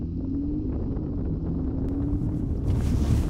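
A car drives with a steady, heavy low rumble, and near the end a louder rushing hiss of water spray swells up as it splashes through a water obstacle that leaves only one lane free in the middle. No one speaks.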